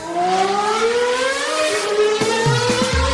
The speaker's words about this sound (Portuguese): Vocês ouviram aí, né? O barulhinho de carro passando. Isso significa que a gente tem atualização aqui na Fórmula 1.